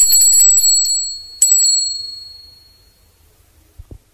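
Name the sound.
small bell ringing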